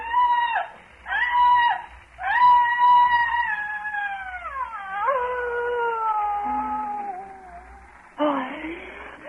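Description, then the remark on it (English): A tormented, high-pitched human shriek rises in three short bursts, then stretches into a long wavering wail that slides downward, ending with a harsh, ragged cry. Loud, with no talking. “Came a frightful shrieking, torn from the throat of a damned soul in torment, and I fell forward on the ground and something fell with me.”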